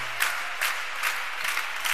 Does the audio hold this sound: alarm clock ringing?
no